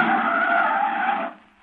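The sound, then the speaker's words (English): A car's tires skid with a loud, sustained screech lasting just over a second as it brakes to a stop, then the noise quickly dies away. No one speaks. “Hey, Bubbo, look out, here comes a car.”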